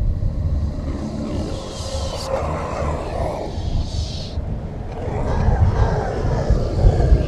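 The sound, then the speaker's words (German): Loud, deep rumbling thunder rolls close by, a continuous heavy roar that swells again toward the end with no voices present. “Im ersten Moment hielt sie es für einen grässlich laut grollenden Donner in unmittelbarer Nähe, erkannte aber nach einigen Sekunden mit vor Entsetzen geweiteten Augen, dass es sich keineswegs nur um einen Donner handelte.”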